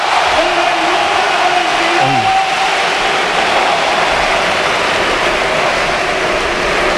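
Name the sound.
stadium crowd ovation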